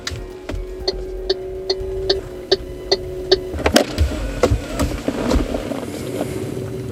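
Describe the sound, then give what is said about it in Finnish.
A car pulls away from Vartiokylä, heading east toward Sipoo: evenly spaced ticks over a steady idling hum, then a sudden rise into a louder, rougher engine rumble that carries on to the end. No one speaks. “Eli, auton nokka kohti itää ja menoks.”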